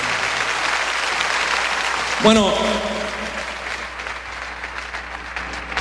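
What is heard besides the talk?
audience applause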